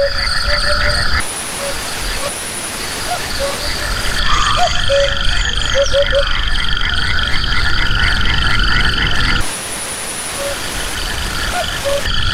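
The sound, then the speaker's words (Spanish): A chorus of frogs croaks steadily in the background alongside the trilling of the first crickets of the night, with a faint low rumble like an aircraft underneath; no one speaks. Recorded around 9 to 9:30 pm on a late spring night in the dehesa de Toril near Monfragüe, Cáceres, Extremadura, Spain. “Pero ya escuchamos a los anfibios, las ranas por ahí al fondo, y los primeros grillos de la oscuridad.”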